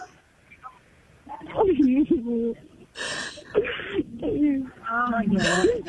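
A woman sobs over a muffled telephone line, her wavering cries broken by sharp, breathy gasps. Her crying is loud and close, coming in halting bursts.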